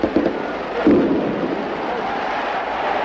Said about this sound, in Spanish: El entusiasmo de los hinchas de Bantino se desborda. Las tracas, como en los festejos falleros, hacen sonar sus petardos.